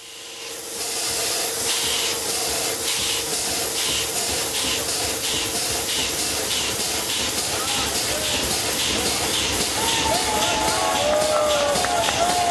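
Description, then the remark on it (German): A restored steam engine, its cylinder driven by compressed air rather than steam, puffs steadily in a fast, regular rhythm of hissing exhaust bursts, loud throughout, with mechanical clatter and a faint squeal rising toward the end. “2015 war es soweit und die reparierte Dampfmaschine konnte ihre ersten Schnaufer machen.”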